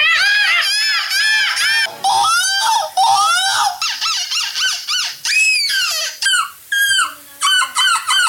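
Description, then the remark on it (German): A person imitates a seagull with loud, shrill screeching calls, repeated in rapid bursts with short pauses, piercing, rising and falling in pitch like a gull's cry. “Wenn du sonst gerade nichts zu tun hast, imitier doch eine Möwe.”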